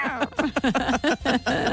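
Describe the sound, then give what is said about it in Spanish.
A person's voice imitates a cat with a quick run of short, fairly loud meows, each a bending, nasal vocal glide, repeated about seven times in under two seconds. “Oye, qué bien lo imitas.”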